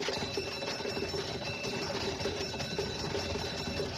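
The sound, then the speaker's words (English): A team of horses pulling a fire engine gallops to a fire in Manchester, England, in 1826: a fast, steady clatter of hooves mixed with rattling wheels and harness, dense and continuous at an even, fairly loud level, with no voices. “Going to a fire in 1826, a team of horses pulling the fire engine of the Norwich Union Boys Firehouse.”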